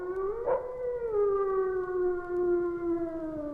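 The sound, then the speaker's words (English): A single long wolf howl, a sustained mournful wail that holds steady and slowly sinks in pitch, fairly loud and alone with no talking. “That eerie wail that is by far the most significant call of all animals.”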